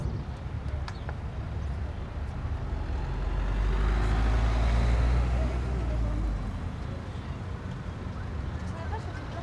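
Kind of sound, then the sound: vehicle, vehicle engines running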